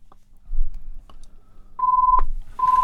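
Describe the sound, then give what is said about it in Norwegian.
A telephone rings with steady electronic tone bursts, one long beep then a second starting as the first ends, over a faint low rumble with a sharp click between them. “Da ringer det.”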